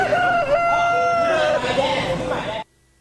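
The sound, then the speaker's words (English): A rooster, a contestant in a rooster crowing contest, crows loudly, one long cock-a-doodle-doo lasting over two seconds against faint background noise, then cutting off abruptly into silence. “And don't miss the rooster crowing contest. Here's one of the contestants.”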